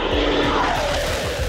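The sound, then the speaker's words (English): A Typhoon fighter jet roars low over a military base to end a ceremony, a loud, dense rush of engine noise with a whining tone that slides downward as it passes, filling the whole moment. “A Typhoon fighter jet flew low over the base to end the ceremony.”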